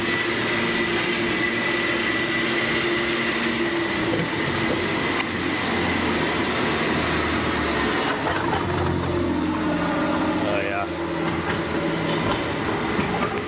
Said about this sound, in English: San Francisco, that is your cable car. Now that sounds like the sounds of the waves lapping on a Polynesian beach.